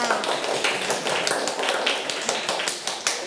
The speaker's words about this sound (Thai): เด็กๆทุกคนนะคะปรบมือให้กำลังใจแก่ตัวเองค่ะ